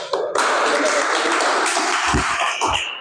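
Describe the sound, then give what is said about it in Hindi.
A crowd claps steadily in a dense, continuous wash of applause that starts abruptly and holds at full strength for about three seconds, with a few low thumps and voices mixed in toward the end. “तालियों का स्वागत स्वागत कर रहे हैं और बच्चों का जो प्रतिभा है आज जन जन तक पहुंचा रहे हैं”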